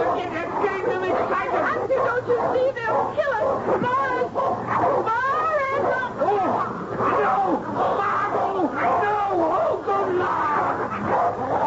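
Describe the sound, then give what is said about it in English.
Several dogs bark, yelp and snarl nonstop as they attack people, tangled with frantic human screams and shouting in a loud, chaotic struggle that never lets up. “the dogs, call them off.”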